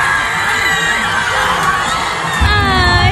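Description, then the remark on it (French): A dense crowd of football supporters roars and shouts continuously in the streets of Mexico City, many overlapping voices with high whoops and cheers, loud and sustained throughout, swelling slightly near the end. “Déception forcément pour les supporters chez eux, même si la fête a continué dans les rues de Mexico.”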